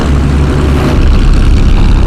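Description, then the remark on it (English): A loud airplane engine drones with a low, steady hum, then abruptly shifts to a rougher, sputtering roar partway through as the plane's right engine fails while flying in the sky over China. “There's a noise coming from the right engine. It doesn't sound good.”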